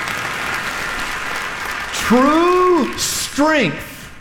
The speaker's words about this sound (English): Listen to me. It's okay to clap. Listen to me.